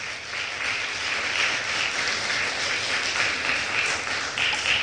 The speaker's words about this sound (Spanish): ¿Le podemos dar un aplauso fuerte al Señor, por favor?